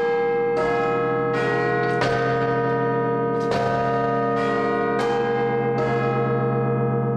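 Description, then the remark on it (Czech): The Big Ben clock tower bells chime alone, about six loud, deep, resonant strikes at a slow, uneven pace, each ringing on with a long humming tail that overlaps the next. “Dnešní ráno je anglické, to byly zvony z Big Benu”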